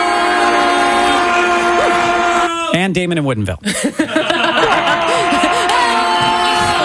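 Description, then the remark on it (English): A loud, sustained goal horn blares steadily throughout, with crowd cheering underneath, while a voice talks briefly over the din. “I keep cheering because I don't have the sound effect up yet.”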